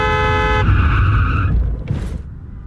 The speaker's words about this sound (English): That car's going fast, like it's about to run the... Watch out! Oh!